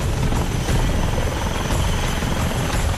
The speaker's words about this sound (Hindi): कहीं हेलीकॉप्टर आसमान से उम्मीद बरसा रहे थे